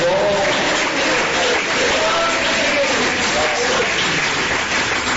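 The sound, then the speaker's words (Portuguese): An audience claps together in praise of Jesus, a loud, dense, continuous wash of applause that holds steady throughout, with a few voices calling out faintly beneath it. “Ó, glorificar Jesus com palmas de que merece, ele é misericordioso.”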